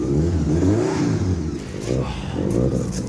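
A car engine starts and revs loudly on a rainy day, its deep rumble and exhaust climbing and dipping in pitch through a few throttle bursts over about three seconds.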